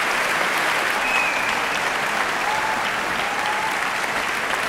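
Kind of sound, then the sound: crowd, applause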